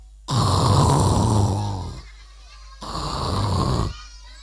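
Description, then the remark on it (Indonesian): A voice imitates the snoring of a monkey sleeping soundly, with two long, loud, rasping snores, each about one and a half seconds, separated by a short quiet pause. “Setelah itu si monyet enak-enakan tidur.”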